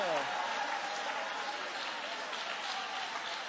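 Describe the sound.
An audience applauds in praise of God during a morning church service, a dense, steady wash of clapping that holds at an even, fairly loud level throughout, with a voice trailing off underneath at the very start.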